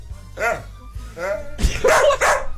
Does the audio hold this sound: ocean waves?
no